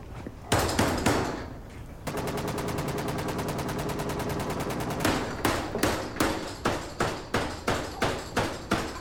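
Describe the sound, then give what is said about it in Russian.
A fist pounds hard on an iron door bearing a «Тир» (shooting range) sign: loud, booming metallic bangs, first a few scattered blows, then a rapid rattling burst, then a steady run of heavy, evenly spaced knocks. “Михаил стучит кулаком.”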